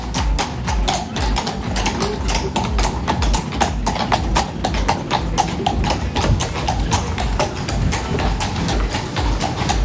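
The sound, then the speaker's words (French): Horse hooves clatter on cobblestones in a fast, steady clip-clop, many sharp hoofbeats overlapping as if several horses pass by, loud and continuous throughout. “Oui, moi, je pense que c'est des chevaux qui galopent sur des pavés.”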